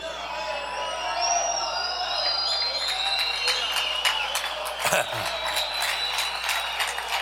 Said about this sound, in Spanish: ¿sabe por qué usted aplaude solo porque oye la palabra Hijo?